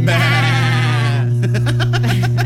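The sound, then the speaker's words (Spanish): A goat lets out a loud, quavering bleat lasting about a second, followed by shorter choppy vocal sounds, all over a steady low hum. “el día de hoy nosotros te sacamos la duda y les vamos a comentar algunos datos y curiosidades sobre las cabras.”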